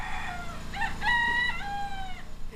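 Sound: rooster crowing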